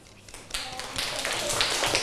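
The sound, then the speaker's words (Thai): A room full of children clapping their hands after listening to the tale of why the rabbit has a short tail and the crocodile has no tongue, a dense, steady patter of applause that swells after a quiet start, with soft voices mixed in. “ขอบคุณครับนะสำหรับเสียงปรบมือแสดงว่าเด็กๆมีมารยาทในการฟัง”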